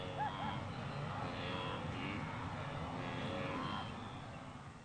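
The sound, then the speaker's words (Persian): A large herd of wildebeest low and grunt together over a dense, rumbling wash of hooves and water as they take their first steps into the water and cross in a great column, loud and continuous before easing slightly at the end. “بالاخره فشار گروه غیر قابل تحمل می باشد و گاوهای وحشی اولین قدمهای خود را برداشته و وارد دریا می شوند.”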